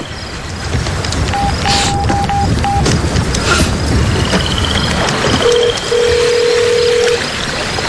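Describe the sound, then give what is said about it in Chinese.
A quick run of five or six short telephone dialing beeps, then a longer steady phone tone, all over a constant loud rushing background noise, as a phone call fails to go through because the phone is not registered for international long-distance calls. “电话打不出去”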